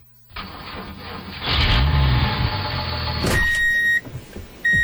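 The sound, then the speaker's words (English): The diesel engine of heavy construction equipment cranks to life and builds into a loud, deep, steady rumble, then a series of high electronic beeps sounds over the running engine. “You hear the diesel. You feel the ground move.”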